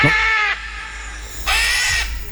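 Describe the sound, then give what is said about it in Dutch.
Two loud, harsh screeches from a green-winged macaw, a parrot, each lasting about half a second with a short pause between, heard alone, with a raspy, bleating quality. “Het is een papegaai, een groenvleugelara.”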